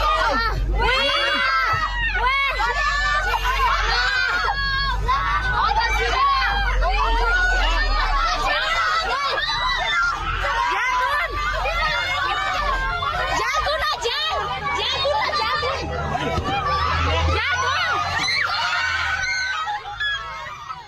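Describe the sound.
Many people shriek and scream in panic during a sudden flash flood on a sunny day, voices overlapping loudly and continuously over a steady low roar of rushing water, with frantic shouting rising and falling throughout.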